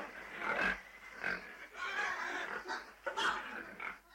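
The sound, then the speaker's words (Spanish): Several pigs in a pigsty grunt and squeal in a steady, overlapping chorus of snorts and oinks, with no voices and no pauses between the calls. “Bueno, toma esta pala y limpia toda la pocilga.”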